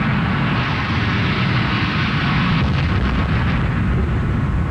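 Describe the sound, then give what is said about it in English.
A huge orange explosion in New York rumbles as a loud, continuous roar, deep and thunderous throughout with no pauses, like a massive blast and its rolling aftermath. No voices. “And then I realized it was going to hit, and I thought all this, it must have been a nanosecond, and then there was just a huge, huge orange explosion.”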